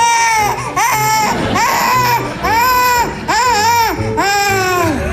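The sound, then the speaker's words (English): A baby cries loudly and continuously in several wailing bursts, each rising and falling in pitch with brief catches of breath between them, with no talking over it. “How does a baby who can't talk tell you she's hungry?”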